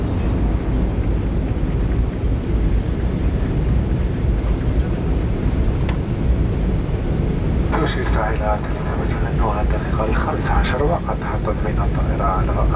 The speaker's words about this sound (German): Anflug auf Konstantin. Es ist Nachmittag. Landung am Flughafen Mohamed Boudiaf.